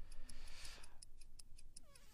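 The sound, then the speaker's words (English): A countdown timer clock ticks steadily in quick, regular clicks, fairly quiet, with no voices over it, counting down 30 seconds for a round of a seven-category word game. “There's 30 seconds on the clock.”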